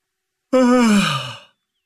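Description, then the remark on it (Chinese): A single long, voiced yawn from one person, a police officer who has slept under ten hours in three days, starting abruptly, gliding down in pitch and trailing off after about a second, with no talking around it. “老子三天没睡满十个小时，打哈欠也不行啊。”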